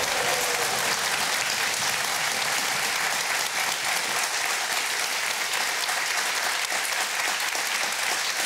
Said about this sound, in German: Ich lasse den mal zu Ende klatschen, weil es so gut tut.